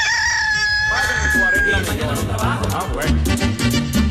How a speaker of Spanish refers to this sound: Porque viene también la señal horaria.